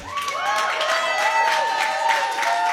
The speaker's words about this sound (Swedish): Världens största applåd för dem.